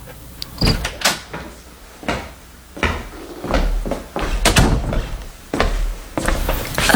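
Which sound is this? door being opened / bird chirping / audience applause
door being opened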